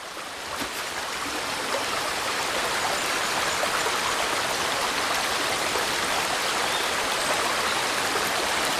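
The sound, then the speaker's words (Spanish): A man urinating: a steady, continuous stream of liquid splashing, a dense hissing pour that holds constant for several seconds with no voices over it. “De donde yo vengo, se considera bueno advertirle a un hombre que está orinando su desayuno.”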